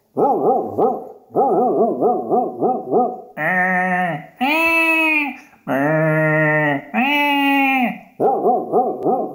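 A sheepdog being told to round up sheep gives a run of quick, yappy barks, then several long, drawn-out yowling barks, loud with no one talking.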